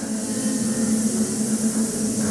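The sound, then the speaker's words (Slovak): A large audience of choirs filling a hall imitates buzzing bees as a sound for a radio play, making a continuous, steady droning hum with a low, sustained pitch and a hissy edge that holds without pause. “Milé zbory, práve ste vleteli do úľa. Až sa vás trochu bojím, no a verím, že trochu toho bzukotavého strachu teraz dostanem aj od vás.”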